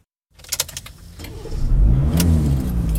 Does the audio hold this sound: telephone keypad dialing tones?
no